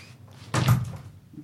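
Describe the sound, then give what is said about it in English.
A door opens with one heavy thud and a brief rattle, then a quiet room tone lingers after it. “Can you open the door, please?”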